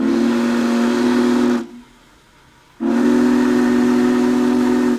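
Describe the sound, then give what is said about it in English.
The Union Pacific Big Boy 4014, the world's largest operating steam locomotive, sounds its deep whistle in two long, loud blasts separated by a brief pause, with a steady steam hiss under each blast, on a whistle stop east of Argus in Marshall County. “Large crowds ventured to Marshall County today to see the world's largest operating steam engine in action.”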